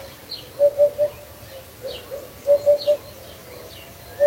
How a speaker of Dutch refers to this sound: In Petrovdol, Bulgarije, hoort Ben van der Meer de hop en de haan.